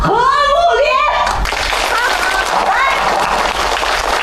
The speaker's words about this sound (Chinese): 让我们用最热烈的掌声欢迎他来到我们这个大家庭。